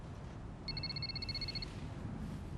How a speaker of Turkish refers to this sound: Telefon için özür dilerim.